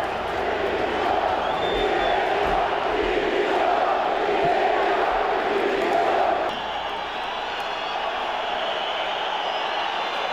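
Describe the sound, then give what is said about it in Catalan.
A large stadium crowd of Mallorca football fans chants in unison, a loud, sustained roar of many voices with rhythmic shouted phrases of "directiva dimissió", demanding the resignation of the club's whole board after relegation to the second division, dipping slightly in intensity toward the end. “L'afició, a més, va ser molt crítica i va demanar a crits la dimissió de tota la directiva.”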